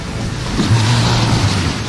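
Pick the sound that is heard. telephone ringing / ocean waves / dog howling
ocean waves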